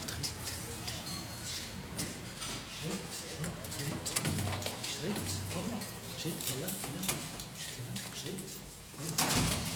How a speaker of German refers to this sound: Und wir öffnen die Türen